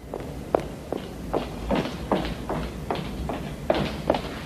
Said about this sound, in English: She walks down the corridor briskly, putting on her coat.